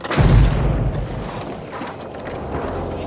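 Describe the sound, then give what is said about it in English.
A pipe bomb planted under the driver's seat of a car explodes with a loud, deep boom, then fades into a long rumbling tail with scattered crackling debris, with no voices present. “But Backhouse never expected his wife to survive the explosion.”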